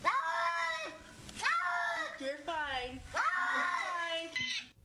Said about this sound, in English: Cats also have higher meme potential than dogs do because they're dumb. Cats have silly noises and talking sounds.